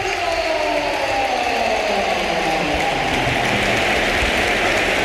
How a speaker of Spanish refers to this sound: Y vamos a escuchar una gran ovación, ¿eh? Sí, porque se va a producir el último cambio. Las filas del Real Madrid solo ha hecho tres Mourinho, pero agota las ventanas. Se marcha Bellingham, el Bernabéu de pie.